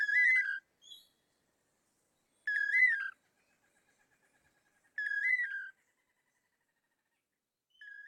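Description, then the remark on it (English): A pair of long-tailed manakins sings their toledo song to woo females: a clear, whistled, slightly buzzy phrase repeated about every two and a half seconds, with silent gaps between, fairly loud. “Researchers have estimated that the dynamic duo may perform their Toledo song up to 5,000 times in one day.”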